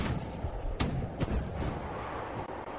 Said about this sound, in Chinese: 突然间，地面上响起了高射炮声，密集的火力开始向渐渐远去的运输机射击。